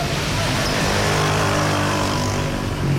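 Dense late-afternoon road traffic in Caracas, Venezuela, rumbles steadily throughout, with engines droning and a motorcycle-like revving rising above the wash of cars, loud, with no clear pauses.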